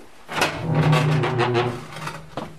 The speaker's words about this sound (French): Mais on ferme la porte. Et à la radio, on aime bien les bruits de porte. Alors on va se gâter. Et là, vous allez pouvoir ouvrir la première porte à gauche.